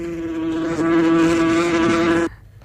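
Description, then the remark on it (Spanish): A mosquito buzzes in one loud, steady, unbroken drone with a slight wavering pitch, lasting about two seconds before it cuts off abruptly, leaving quiet. “Es mosca mosquito.”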